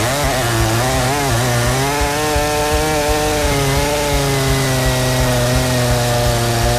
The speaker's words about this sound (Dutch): het grote kettingzaagmonster heb ik nodig. Het is woensdag en we gaan vanaf nu de week doormidden zagen.